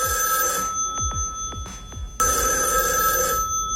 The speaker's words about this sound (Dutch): Nou, de telefoon die gaat hier volgens mij in de verte.